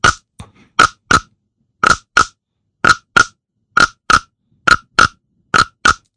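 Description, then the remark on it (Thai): A frog croaks in loud, raspy double pulses, about seven pairs repeating in a steady rhythm with short silences between them and no voices, on an overcast day with rain about to fall. “วันนี้ร้องเยอะจังเลยพี่กบค่ะ โอ้วันนี้อากาศครึ้มฝนจะตกกับประพันธ์เจ้ากบดีใจ ชอบเลยใช่ไหม ชอบเลย”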